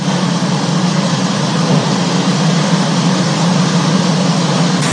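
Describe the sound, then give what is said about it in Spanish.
Heavy rain and hail from a storm pour down in the municipality of Azoyú, Costa Chica region, in a dense, unbroken roar of hiss and patter, loud and steady from start to finish, with no voices. “Agua con granizo está cayendo, vean, con hielo.”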